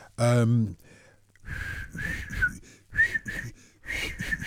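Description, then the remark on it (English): A short voiced note, then a series of breathy, airy attempts by a person trying to whistle a tune, sputtering in and out, mostly rushing air with only a thin, wavering tone breaking through. “I think they've been extended because I can't whistle anymore.”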